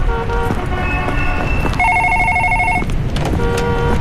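An office telephone rings insistently, its warbling electronic tone sounding in three repeated bursts, the middle one loudest, over a steady low rumble of background noise.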